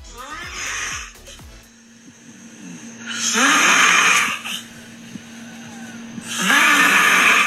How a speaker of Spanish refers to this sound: Pero fíjate que en redes sociales está circulando un video de una señora que grabó los ronquidos de su hermana o de su hija. Y es que en estos ronquidos, la verdad es que dan miedo. Parece que están exorcizando a esta mujer. A ver si se escucha.